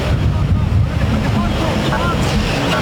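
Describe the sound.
Strong wind amid dense smoke near a fire buffets the microphone in a loud, continuous low roar with gusty rumbling throughout, and faint voices may be partly buried beneath it.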